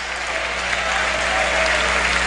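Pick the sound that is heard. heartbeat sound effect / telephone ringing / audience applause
audience applause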